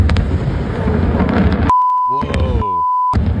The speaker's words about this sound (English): Massive explosion. It's like that rocket explosion last week. Yeah, like the Blue Origin. It looks like an attack is underway. It's just fireworks at a fireworks factory.